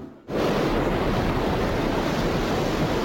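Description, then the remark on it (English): A loud, steady roar of rushing water at Niagara Falls, billions of gallons of water, fills the sound after a brief quieter moment at the start, a dense, constant wash with no voices, like a powerful waterfall. “Niagara Falls, billions of gallons of water.”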